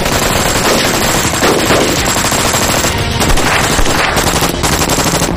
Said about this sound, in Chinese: 大佐，中东的枪声也很激烈了， 中国人联合起来真是太可怕了。